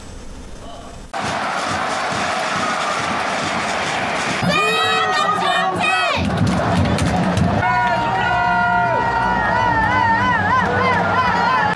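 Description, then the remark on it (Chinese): A stadium crowd at a Sichuan Super League football match between Zigong and Dazhou at Nanhu Sports Center in Zigong roars steadily after a quieter first second, loud and dense, with wavering, tuneful chants or horn-like tones rising above the cheering in bursts. “呼声此起彼伏，绿茵激情尽情绽放。”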